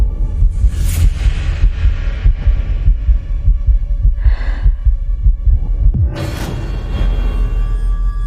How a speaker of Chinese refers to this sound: 心跳得好快